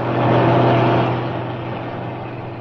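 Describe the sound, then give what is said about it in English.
A heavy lorry rumbles past hitchhikers by the road with a deep engine drone and broad road noise, loudest early on, then steadily fading as it drives away without slowing or stopping. “Yes, but this one's different. I know, it's a lorry.”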